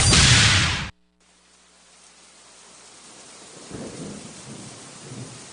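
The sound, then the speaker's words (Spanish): Steady rain hisses outside at 11:03 at night after a brief loud burst at the start, the patter gradually thickening, with low rumbles rolling in near the end. Nobody speaks. “Afuera está lloviendo.”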